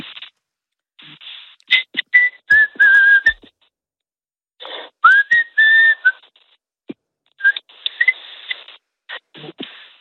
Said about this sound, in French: N'hésite pas à te demander de me siffler quelque chose, parce qu'il paraît que tu siffles très bien, que tu arrives à faire de très belles mélodies. Est-ce qu'on peut avoir une petite démo?